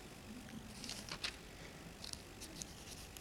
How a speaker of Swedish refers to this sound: Jag är ensam om att bläddra i Bibeln, låter det som. Jag hör inga andra bibelbläddrare. Så jag får ta min tid.